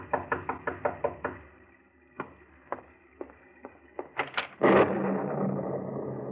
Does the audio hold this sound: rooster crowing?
no